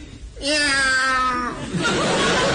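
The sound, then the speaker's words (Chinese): A man's voice lets out one loud, drawn-out, screechy imitation of a cat's meow, lasting about a second, as an expression of feeling before reciting a doggerel poem, followed by a rush of noisy crowd-like sound. “哎， 我以为哪位踩了猫了呢。”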